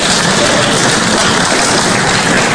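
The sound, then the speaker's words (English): A church audience applauds, many hands clapping in a dense, steady wash of sound that stays loud and even throughout, with no voices heard. “Yeah, we can clap.”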